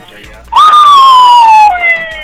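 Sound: police car siren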